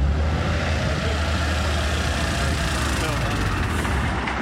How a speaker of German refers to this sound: Damit die Abläufe reibungslos funktionieren, vereinheitlicht die Stadt die Fahrzeuge. Aus diesem Grund wurden neue Fahrzeuge des Typs HLF20 angeschafft. Sie fahren auch schon warm.